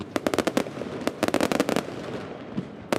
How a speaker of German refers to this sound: Mit deutlichem Vorsprung und viel Feuerwerk. So hat die linke Partei Vedven Dosje von Premierminister Albin Kurti ihren Wahlsieg im Kosovo gefeiert.